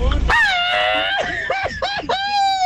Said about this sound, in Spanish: Ahí está el grito, opción número uno, para que empieces a votar por él. Grito número dos.